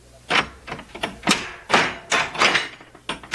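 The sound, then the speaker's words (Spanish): The door of a treasure house being opened, heard as a quick series of loud clattering clunks and scrapes, about eight in a row, with no voices. “Paje, abre la puerta de la casa de mis tesoros.”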